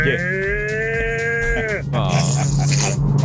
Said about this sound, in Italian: Questa è una mucca grande.